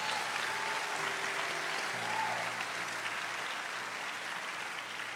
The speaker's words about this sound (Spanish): Alguien diga aleluya. Alguien diga aleluya. Dale un aplauso fuerte al Señor.